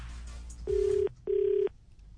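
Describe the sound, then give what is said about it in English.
A telephone ringback tone sounds through the earpiece: two steady, identical buzzing rings of about half a second each, separated by a short pause, fairly loud with no voices. “So that's who I'm calling, and whoever picks up the phone gets it, all right?”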